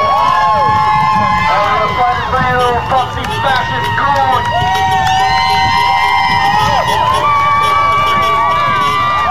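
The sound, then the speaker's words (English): A crowd of people in the street in New Jersey, at night, cheers and shouts continuously as detainees inside flash the lights on and off, with many overlapping voices, whoops and rising yells forming a loud, dense roar that holds steady throughout. “And there, the inmates, the detainees, are flashing the lights on and off, and that's what the people in the street were cheering about.”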